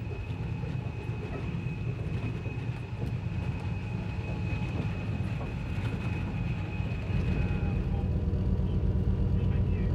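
An express train driven by two drivers rumbles steadily through the Nalarbor, a desert 700 km long and 300 km wide, on a 478 km straight stretch of track, with a dense low-pitched roar of wheels and engine and a thin sustained tone above it, growing slightly louder toward the end. No voices.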